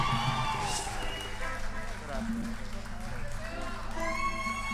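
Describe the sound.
Sustained applause from an audience, a dense steady clatter of many hands with some cheering, while a voice talks over it the whole time.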